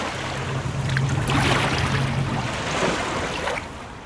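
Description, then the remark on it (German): Calm water of the Bidasoa river flows toward the sea between Spain and France in a steady, gentle, continuous wash, with a faint low hum underneath during the first couple of seconds. No one speaks. “Der Bidasoa fließt ruhig dem Meer entgegen und die Fasaneninsel liegt wieder fast vergessen in der Mitte des Flusses zwischen Spanien und Frankreich.”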